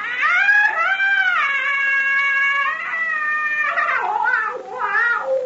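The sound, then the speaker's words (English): An eerie jungle scream, the witch doctor's call of death: a loud, high, sustained wail that holds steady, then breaks into wavering rising and falling cries near the end, with no talking. “Now, that scream we heard was the witch doctor?”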